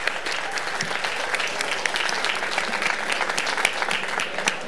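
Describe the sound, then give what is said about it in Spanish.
A crowd claps steadily for a guest singer from a band, a dense, even wash of applause made of many overlapping hand claps with sharp individual smacks poking out, sustained at a constant moderate loudness. “Allá está, un aplauso.”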